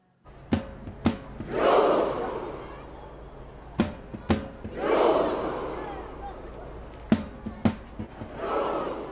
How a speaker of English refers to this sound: About 100,000 Norwegian fans gathered in front of the Royal Palace in Oslo. It was their turn to do the Viking Row, a celebration that exploded all over the U.S. at this tournament.